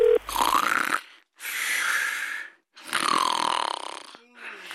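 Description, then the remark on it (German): Three long, loud rasping snores from someone who has fallen asleep while on the telephone follow one another in a slow rhythm, each a broad rattling breath with a rising buzzy tone, separated by short silent pauses. “Du bist ja schon wieder beim Telefonieren eingeschlafen.”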